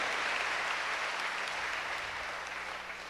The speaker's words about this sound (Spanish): Ellos también merecen hoy nuestro aplauso porque han escuchado la palabra de Dios y la han puesto en práctica.